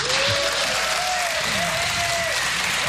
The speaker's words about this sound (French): Cher public du Blues Café, merci de faire un tonnerre d'applaudissements pour